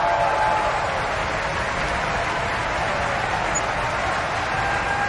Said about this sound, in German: Viel Applaus jetzt für den finnischen Bass Mika Kares. Er wird für seine Donnerstimme gefeiert und seine dunkle Autorität, die er auch heute mehrfach hier in der Götterdämmerung in Bayreuth gezeigt hat.